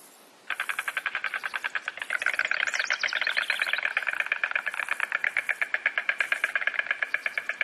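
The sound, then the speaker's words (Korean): A rapid, sustained wooden clattering rattle of red-billed storks' bills from the tops of pines in a coastal pine forest in spring, starting abruptly and continuing steadily for several seconds, fairly loud, with no voices. “홍부리 황새들이 내는 매력적인 소리가 봄의 시작을 알리며 소나무 숲의 배경음처럼 울려 퍼집니다.”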